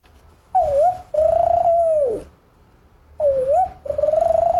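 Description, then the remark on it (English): A person imitates a spotted dove's call, giving two pairs of smooth, hooting coos with a short pause between pairs, fairly loud with no other sounds. “Spotted dove.”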